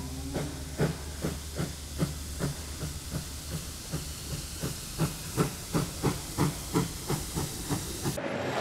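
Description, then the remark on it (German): The Kuckucksbähnel steam locomotive chuffs steadily as it pulls away from Elmstein back to Neustadt, with regular puffs of exhaust over a constant hiss of steam. The rhythm holds even, with no voices present. “Von Elmstein fährt das Kuckucksbähnel zurück nach Neustadt und bald brechen wir wieder auf zu neuen Entdeckungen und neuen Expeditionen.”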